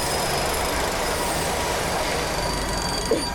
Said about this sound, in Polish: Już myślałem, że ten pociąg zechce w nas wjechać, no albo właśnie, my wjechać go chociaż.